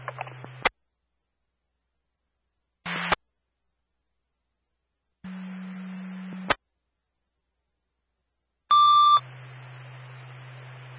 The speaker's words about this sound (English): The tone is for Springfield A3, now responding to 1143 Trebo Road for a second alarm structure fire.